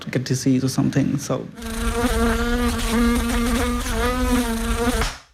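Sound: mosquito buzzing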